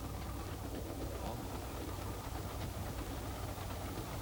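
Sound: moving train on rails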